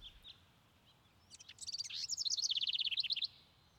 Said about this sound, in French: Il y a un moment que je déteste, c'est quand les oiseaux commencent à chanter, tout ça. Parce qu'ils font un potin monstrueux, quoi.